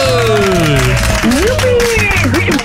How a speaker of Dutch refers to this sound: Wauw, applaus ja. Van alle vroege vrienden, want lang geleden uiteraard, ook alweer 2 maanden geleden.